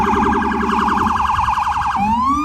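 A loud siren wails with a rapid warbling pitch, then shifts abruptly into a rising sweep, close by and continuous with a low traffic rumble underneath.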